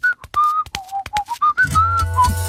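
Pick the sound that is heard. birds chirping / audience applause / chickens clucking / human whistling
human whistling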